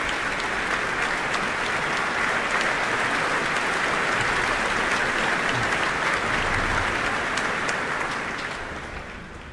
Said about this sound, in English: that applause is for the leader of the Royal Philharmonic Orchestra, Duncan Riddell.